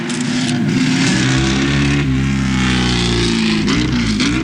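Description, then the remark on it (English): A racing motorcycle engine being tested for the Isle of Man TT race revs hard, its loud, buzzing pitch climbing and dipping in several surges with no pause, and no voices over it. “We have to use these engines in the TT, and therefore we can't do too much testing at one go.”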